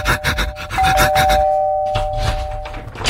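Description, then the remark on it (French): A doorbell at a neighbour's house rings with a steady, clear electronic tone held for about three seconds, accompanied by rhythmic scuffing and rustling noises that are loudest during the first second and a half. “alors il court chez son voisin. Il sonne.”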